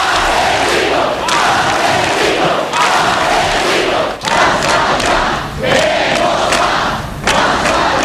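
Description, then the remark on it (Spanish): A large crowd in the street shouts a protest chant against ETA in unison, the cry known as the spirit of Ermua, a loud, dense roar of many voices with a steady rhythmic pulse recurring about every second and a half. “Ese grito fue el espíritu de Ermua.”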